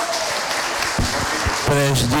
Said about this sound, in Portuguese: Eita, palmas aí.